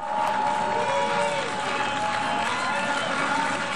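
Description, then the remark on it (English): A large crowd booing loudly and steadily, a dense mass of voices mixed with jeers and shouts, holding an even level throughout, as Israeli Prime Minister Benjamin Netanyahu speaks at the UN General Assembly in New York while delegates walk out. “Benjamin Netanyahu has been booed while speaking at the UN General Assembly.”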